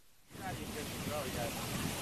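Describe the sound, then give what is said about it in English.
After a brief quiet moment, a loud, steady roar of ocean surf and very intense, high wind rushes in and fills everything, with faint traces of voices buried underneath. “They came out when the winds were very intense.”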